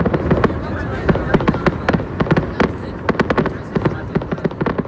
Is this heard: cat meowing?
no